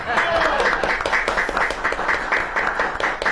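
A crowd applauds steadily for a few seconds for a featured woman artist, many hands clapping in a dense, crackling wash that stays fairly loud throughout with no voices over it.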